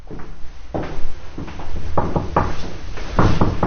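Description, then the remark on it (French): A heavy carriage door is pushed open, with a run of wooden clunks, knocks and rattling latch noises over a steady low rumble, fairly loud, with no voices. “Alors l'envie nous a pris d'aller voir des balcons, de pousser les portes cochères.”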